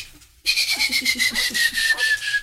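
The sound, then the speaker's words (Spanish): A fairly loud human whistle held for about two seconds, a single trembling note that slides slightly downward, used like a call signal, with no talking over it. “Te voy a chiflar así, ¿oí?”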